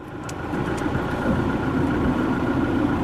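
A car engine runs steadily at a low idle-like rumble, continuous for the whole stretch, with a faint ticking or clicking now and then near the start and no voices. Father Blay is driving the car to the nearby coastal road in Elmina, Ghana.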